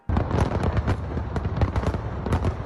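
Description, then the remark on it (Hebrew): A loud, dense fireworks display over and within the Eiffel Tower: rapid overlapping bangs, pops and crackles blend into a continuous roar of bursts, with no pauses and no voices. “אתמול חזו האורחים במופע מרהיב של זיקוקים, מעל ובתוך מגדל אייפל וגם מופע פלאים של רחפנים.”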